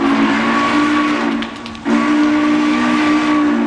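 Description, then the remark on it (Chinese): A loud steam train whistle blows a steady shrill tone over rushing steam hiss as the train departs, cutting out briefly midway before sounding again and holding to the end. No one speaks. “这啥火车司机呀？开车咋不说一声呢？”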